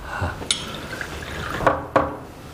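Wine is poured into cups at a family meal, with a few sharp clinks of glass and dishes, two of them close together near the end. No one speaks.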